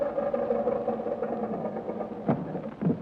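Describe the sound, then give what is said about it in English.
An early propeller aeroplane engine drones steadily as it comes in to land, a buzzing mid-pitched hum with two brief louder surges near the end and no voices. “Now let's take her down and tell the world we invented the aeroplane.”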